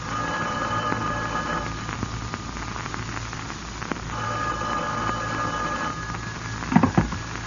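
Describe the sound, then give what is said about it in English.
A telephone rings in long bursts with a short pause between them, heard through a steady wash of hiss and static, with a couple of soft knocks near the end. “You had almost finished packing when the phone rang.”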